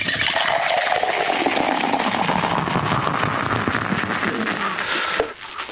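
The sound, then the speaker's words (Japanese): Sapporo Draft Beer Black Label gushes vigorously into tumblers held in hand, a loud, continuous frothy pour lasting about five seconds, its pitch rising as the glasses fill, then stopping abruptly. “ビールも一緒に注ぎましょう。じゃあタンブラーを片手に持っていただいて、はい、勢いよくお願いします、はい、では参ります。”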